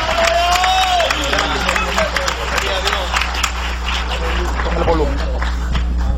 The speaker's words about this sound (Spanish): Dale ese aplauso de gloria al Señor. Dale ese aplauso de gloria a Dios.